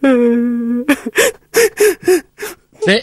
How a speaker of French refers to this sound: Oh là là là! Y'en a un qui pleure dans le coin.